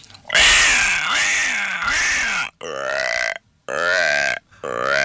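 A voice imitates a frog's croak with a long, low, raspy burp-like call followed by three shorter croaks in a steady rhythm, loud.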